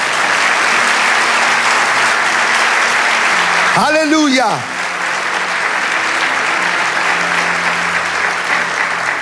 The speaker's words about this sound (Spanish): Vamos, dale ese aplauso.